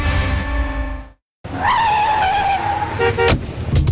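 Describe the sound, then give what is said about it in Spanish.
A car engine hums and fades out, then after a short silence tires squeal loudly, ending in a few sharp knocks like a small bump or scrape, a car mishap while parking. “Si estás estacionando y ocurre un imprevisto, no te preocupes.”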